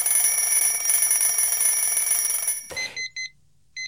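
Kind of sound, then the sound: household object, alarm clock ringing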